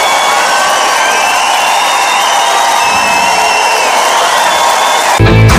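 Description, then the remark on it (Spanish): A large crowd applauds and cheers loudly and steadily in Melilla, dense clapping mixed with whoops and shouts, applauding those who rehabilitated building facades, ending with an abrupt cut into a different sound. “Pues para todos ellos va nuestro aplauso.”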